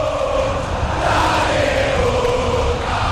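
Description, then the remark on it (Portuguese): A stadium full of Boca Juniors football fans roars and chants steadily during a match against Vasco, a dense, loud wall of crowd noise with a sung, droning tone running through it for the whole stretch. “a bola vai para a linha lateral, ouça a torcida vida do Boca Juniors.”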